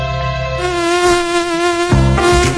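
A mosquito buzzes loud in a steady, high, whining drone, its pitch wavering and briefly dipping near the end. No one speaks.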